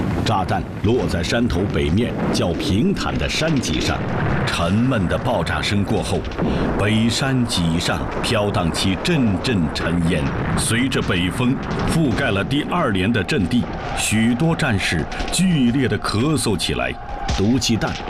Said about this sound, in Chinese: 在张耿村南边的长院上，几门山炮一字排开，瞄准了3华里外的歪头固。黎明时分，日军的大炮轰鸣起来。